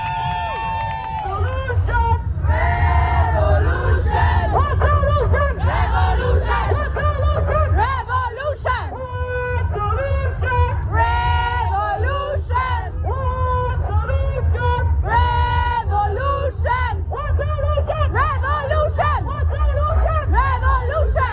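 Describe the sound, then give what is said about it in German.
A large demonstration crowd that has not yet started marching shouts loudly, many overlapping voices rising in rhythmic, chant-like bursts over a steady low rumble, sustained without pause for the whole stretch. “Das heißt, wir sind viele und wir sind laut.”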